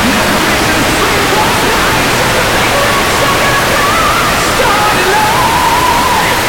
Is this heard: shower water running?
yes